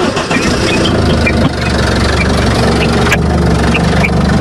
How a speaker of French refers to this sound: C'est le démarrage d'un moteur.